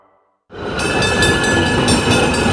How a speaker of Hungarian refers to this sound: Hallod ezt? Persze, villamos.